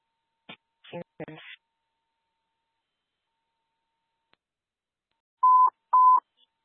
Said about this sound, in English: Testing tones for station 73. Testing tones for station 73. Tones received.